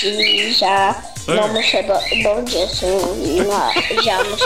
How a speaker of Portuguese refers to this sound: eu tô ouvindo você e o passarinho cantar aí também. É. Passarinho tá feliz.